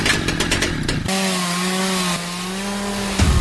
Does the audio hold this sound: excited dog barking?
no